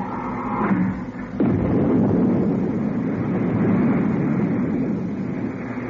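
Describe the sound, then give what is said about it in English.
A steady mechanical hum gives way after a second or so to the sudden, loud roar of retro rockets firing as their firing switch is pressed, a dense rushing thrust that holds steady to the end; the rockets increase speed rather than braking. “I've removed the safety cover from the retro rocket firing switch.”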